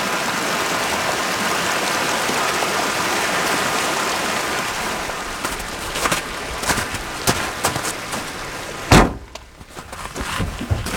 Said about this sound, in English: but we keep going up, winding higher toward the sky, 7,000 feet, then 9,000, until the forest thickens with stands of Douglas fir. And streams swollen with melting snow cascade down the mountain.